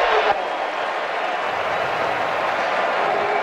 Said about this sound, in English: False start, Iowa State. It's loud, and the crowd had something to say about that 5-yard penalty.